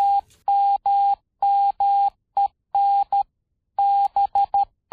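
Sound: morse code beeps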